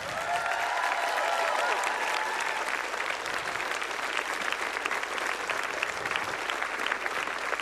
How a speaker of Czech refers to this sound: Takže velký potlesk ještě jednou pro ně.